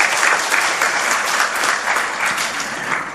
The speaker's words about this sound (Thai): เสียงปรบมือนะครับแทนคำขอบคุณพระคุณเจ้าครับ